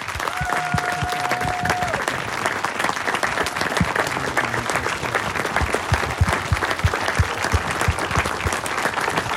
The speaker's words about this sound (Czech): Za potlesku početného publika tady v Příchovicích v penzionu u Čápa na Louce byla pokřtěna knížka.